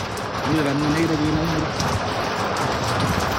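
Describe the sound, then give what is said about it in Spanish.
Heavy rain pours in Alto Hospicio in a dense, steady hiss that fills the whole recording, with a brief low humming tone rising above it near the start and faint murmuring beneath. “Lluvia, Mario, fuerte lluvia en Alto Hospicio.”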